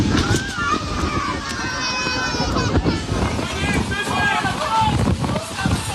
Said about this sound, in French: 25 minutes entre le moment où les organisateurs prennent connaissance du phénomène météo et l'arrivée de l'orage avec des rafales à 140 km/h et des images, des sons dont les festivaliers présents ce jour-là se souviennent.